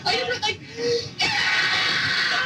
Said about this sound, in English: That's me screaming. Like reading out or something. Like, what are you doing? What are you reading about?